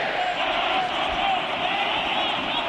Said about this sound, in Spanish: Se retiró muy aplaudido Malcorra, ingresó.